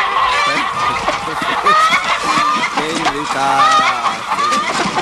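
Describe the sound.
A busy flock of hens clucking and squawking almost continuously and loudly, with goose-like honks and overlapping voices mixed into the clamor.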